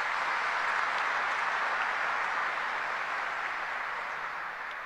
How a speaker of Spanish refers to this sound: Le recibimos con un caluroso aplauso a nuestros invitados.